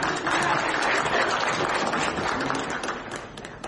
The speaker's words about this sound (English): Please, sir. A big round of applause.